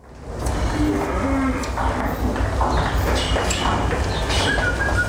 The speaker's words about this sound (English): That's what it sounds like. This is following in real time with a webcam a herd of 500 cows being moved from their field to the milking parlour